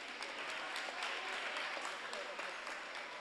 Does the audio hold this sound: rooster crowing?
no